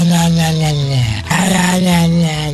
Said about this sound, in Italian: Vai, porco cane, fai bau bau.